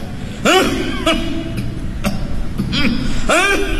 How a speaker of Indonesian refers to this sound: Tadi tak batuk engkau. Tolak mikrofon, batuk tu.